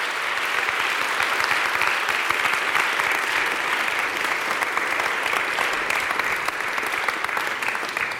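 Sustained audience applause, a dense steady wash of many hands clapping at an even, loud level throughout, with no voices rising above it.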